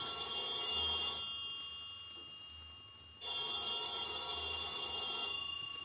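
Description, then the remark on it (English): A telephone rings at about noon, the clerk downstairs calling with a call left for 12, in two long, steady bursts separated by a short pause, the tone bright and electronic, left to ring with no voices over it. “About noontime, when the phone rang, I knew it was the clerk downstairs calling because I'd left a call for 12. I let the phone ring.”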